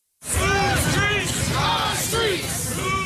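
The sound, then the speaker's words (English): A large crowd of marchers on North Aurora Avenue near 102nd Street in Seattle shouts together, many voices overlapping in loud, continuous yelling and chanting with rising and falling calls, steady throughout with no pauses; they are calling on city leaders to stop gun violence and sex trafficking. “A large crowd marches down North Aurora Avenue near 102nd Street.”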